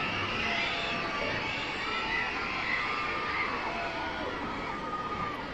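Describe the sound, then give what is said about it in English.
A steady wash of young children's high-pitched excited screams and shouts from a large crowd down the left field line at a baseball game, excited about free giveaways, sustained and fairly loud, echoing across an open stadium with no clear pauses. “You hear the screaming voices of some young children down the left field line, excited about the opportunity for some free stuff.”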